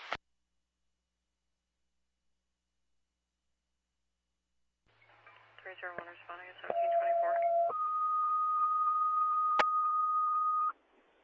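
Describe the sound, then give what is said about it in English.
Fire department dispatch cancellation tones over a radio channel: a brief crackle of garbled radio voice, then a steady lower tone shifting into a long, loud higher tone that holds for several seconds before cutting off. “West Crescent Fire, cancellation tones.”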